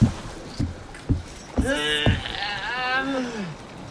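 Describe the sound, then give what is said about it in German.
A person in the water pushes a sailboat: a few dull knocks in steady succession, then a long, wavering groan of strain rising and falling before fading out, fairly loud. “So, und jetzt gehe ich kurz ins Wasser und schieb das Boot an.”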